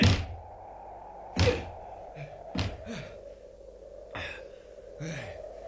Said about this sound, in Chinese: 唉，拍咗咁耐门，拍到我手都痛晒添。